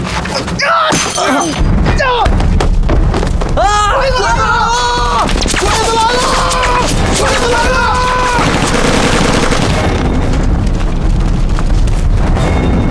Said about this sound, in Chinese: 从枪声来看，至少有一个小队的。